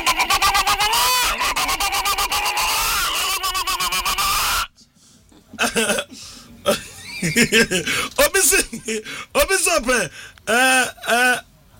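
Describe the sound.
A hen clucks loudly and rapidly for several seconds in a dense, cackling run, then it stops abruptly and a person talks.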